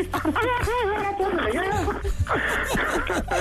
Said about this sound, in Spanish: Ya está llorando tu hermana, ¿eh?